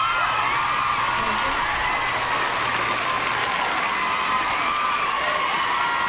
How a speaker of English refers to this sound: I know we got it in here somewhere. I need the applause. There it is.